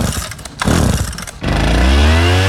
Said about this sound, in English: Lima's resident leaf blower.